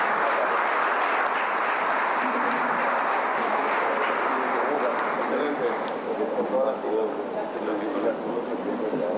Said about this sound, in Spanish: Esta comisión presidida por la Primera Dama de la Nación, la arquitecta Leticia Ocampos, y un gran equipo. Así que pido un fuerte aplauso, por favor, para ellos.